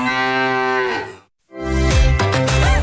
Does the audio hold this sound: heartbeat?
no